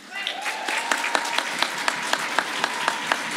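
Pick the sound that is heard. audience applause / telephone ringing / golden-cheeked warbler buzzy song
audience applause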